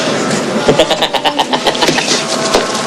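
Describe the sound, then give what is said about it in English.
A car engine turns over and starts as a gang pulls off, giving a rough, pulsing rumble with rapid rhythmic bursts for a few seconds, fairly loud, with a faint hint of voices in the background. “The gang pulls off, and Kurt heads past the diner, beaming.”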